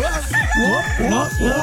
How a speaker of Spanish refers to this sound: Así andaba el gallo el otro día en la oficina.